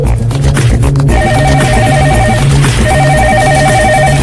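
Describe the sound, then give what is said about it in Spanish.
A telephone rings with two long warbling electronic bursts separated by a short pause, loud, over a steady low rumble, with nobody picking up or speaking: an unanswered call to the Federal Reserve office in New York on a Saturday. “Porque, por supuesto, era sábado en Nueva York y nadie cogía el teléfono.”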